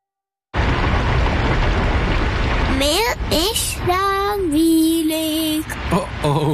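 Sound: rain with thunder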